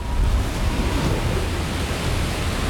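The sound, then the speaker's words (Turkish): A steady, dense roar of storm wind in Arizona blows without pause, a broad rushing hiss with a heavy low rumble that holds its loudness throughout. No voices are heard. “Bu fırtınanın vereceği hasar işimizi başarmamızı engelleyebilir.”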